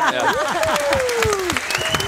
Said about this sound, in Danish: Hver gang folk de klapper af mig, så bliver jeg ved. Jeg har ikke nogen stop.